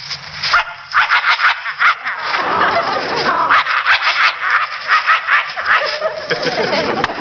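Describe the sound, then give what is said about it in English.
A man's voice imitates a vicious dog, snarling and barking in loud, rapid bursts with harsh growling between them, with no other sounds. “Or a vicious dog like this.”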